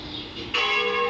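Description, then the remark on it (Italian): Church bells ring out loudly, a strong new peal striking partway through and sustaining with bright, layered metallic overtones over a steady background wash. “¿De campane?”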